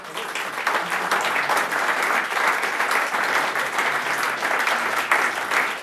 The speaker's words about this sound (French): à la trompette, qu'on peut applaudir.